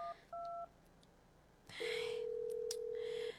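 Two short keypad beeps of a phone being dialed, then a long steady ringback tone as the call rings out, with faint background noise and no voices.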